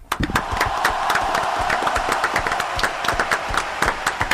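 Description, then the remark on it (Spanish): A crowd breaks into sustained, dense applause with many hands clapping at once, loud, with a few shouts mixed into the ovation, welcoming a veterans' group from Buenos Aires. “Les voy a presentar a Los Barba, a la agrupación de veteranos de Buenos Aires, con aplausos, gritos y ovación”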